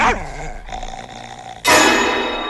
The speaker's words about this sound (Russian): Постояльца укусила собака